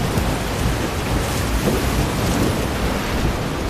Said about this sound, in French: Je sais pas si le bruit des vagues empêche d'entendre, mais...